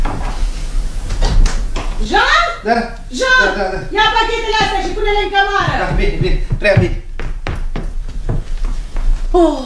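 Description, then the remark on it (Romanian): A door is opened amid people talking, with a series of sharp clicks and knocks from the handle and latch at the start and again near the end. “Da, îmi dați voie, domnule inspector, să mă duc să deschid.”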